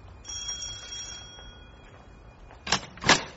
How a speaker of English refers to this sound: Try the doorbell.